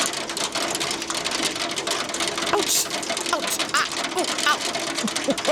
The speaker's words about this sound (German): Also nicht mehr so Sommergewitter und ein bisschen Regen, ne? Sondern auf einmal wird der Regen zu so einer ganz fiesen Gewitterzelle und einfach kein Regen mehr, sondern heftiger Hagel.